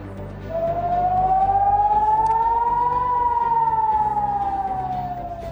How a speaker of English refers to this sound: That is sirens going off a short while ago in Haifa.